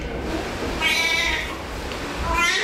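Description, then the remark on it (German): A newborn baby girl cries in two short, thin wails, one in the middle and another starting near the end, over a soft, steady hum with no one talking. “Papa, es ist da.”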